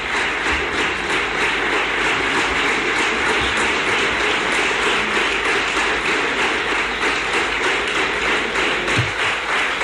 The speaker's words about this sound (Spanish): Pues sí, de nuevo también largo este aplauso de los representantes de la Cámara del Partido Popular a Juanma Moreno.